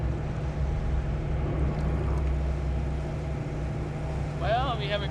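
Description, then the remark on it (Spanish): A motorboat's outboard engines drone steadily and loudly throughout as the leaking boat, with a large crack in the rear of its hull, rides with its bow lifting above the water. Water and wind noise surround the engines, and a brief voice rises near the end. “Tenemos una grieta bastante grande en la parte trasera del casco, probablemente justo a lo largo de la línea de flotación, justo adelante de los motores fuera de borda.”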